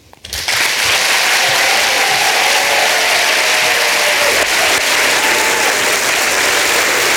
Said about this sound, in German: Dein Applaus.